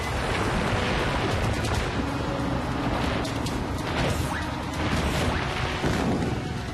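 Heavy boulders rumble and tumble down a mountain toward dinosaurs in a continuous loud roar, with repeated sharp crashing impacts scattered throughout and no voices.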